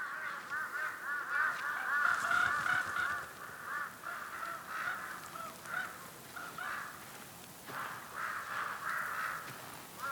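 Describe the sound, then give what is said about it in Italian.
A flock of large-billed crows caws steadily for the whole stretch, harsh overlapping calls tumbling over one another at moderate loudness, as they and azure-winged magpies follow a hunt to scavenge the leftovers; no one speaking. “Come gabbiani sopra un peschereccio, le gazze ali azzurre e i corvi becco grosso seguono tutte le fasi della caccia.”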